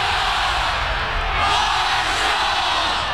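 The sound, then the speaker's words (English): A huge stadium crowd of 30,000 in Huntington roars and cheers on the Thundering Herd team, a dense, loud wall of voices with swelling yells and whoops, sustained without a break throughout. “The Thunder Walk, the tailgates, the roar of the crowd, 30,000 strong cheering on the thundering herd, and it's almost game day.”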